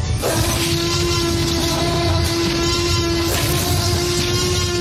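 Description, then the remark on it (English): A huge, sustained movie T-Rex roar blended from the cries of a dog, lion, tiger, alligator, whale and one other animal, loud and unbroken, with a steady low droning tone under a harsh, rasping rush of noise that holds for several seconds. “And so this is my question, because the T-Rex roar ended up being a combination of a dog, lion, tiger, alligator, whale, and what other animal?”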